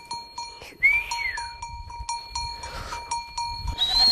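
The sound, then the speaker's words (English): A flock of goats or sheep moves across the northern Xizang Plateau at over 4,500 meters, bells clanking and ringing steadily over a low shuffle of hooves, broken by a couple of short rising whistles from a young boy swinging a rope to guide the flock forward. “A young boy whistles as he swings a rope, guiding the flock forward.”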